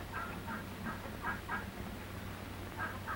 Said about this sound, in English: The gander hears something. He hears a turkey gobbler who flew over the fence of the turkey yard. Only a small flock of turkey cocks and hens are kept on this farm.